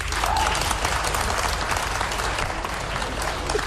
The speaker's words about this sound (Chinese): 反正现在啊，给我鼓掌的朋友，保证您回家24小时之内发财100万。